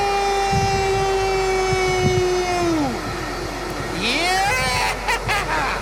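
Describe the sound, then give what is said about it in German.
A rumbling ride aboard a freight train south of Berlin, with a loud, steady tonal wail over the clatter that bends downward midway, followed by a second brief rising-and-falling tone and bursts of hiss. “Hört ihr das? Ich fahre Güterzug.”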